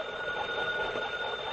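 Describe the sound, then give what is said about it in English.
A hand-cranked telephone at a lighthouse rings continuously as its crank is turned, a steady loud metallic jangle of bells filling the whole moment, without any voices. “I turn this little crank here? Yes, ring it long and loud.”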